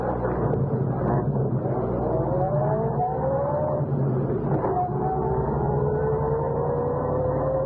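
A car engine idles and then revs, pitch rising as the car pulls out from the curb outside an apartment building and accelerates down the street, a steady motor drone with gear-shift sweeps and no talking.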